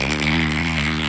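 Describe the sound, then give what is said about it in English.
A person imitates the call of Nicholas, a resident bottlenose dolphin, with a loud, buzzy, rasping vocal sound, held steadily for about a second with a slight wavering pitch. “That's resident Nicholas, the bottlenose dolphin, which sounds like this.”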